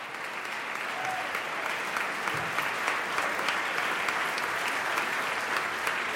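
Sustained, enthusiastic applause from a large opera premiere audience, applauding the members of the Chamber Choir of the University of Göttingen, a dense steady wash of many hands clapping at an even loudness throughout, with no voices standing out.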